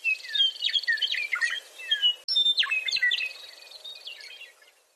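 A songbird sings a rapid, varied run of bright warbles and whistled trills, fairly loud, phrases tumbling together for several seconds before softening toward the end, with no voices.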